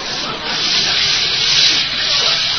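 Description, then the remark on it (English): A steady, loud rush of hot water from a shower turned on behind the curtain, spraying continuously at full blast, with a dense hiss filling the upper range and no pauses throughout. “Well, let me reach behind the curtain here and turn on the water. I'll let it get good and hot.”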